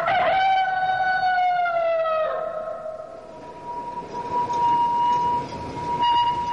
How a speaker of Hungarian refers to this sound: Az első villamos. Hála Istennek.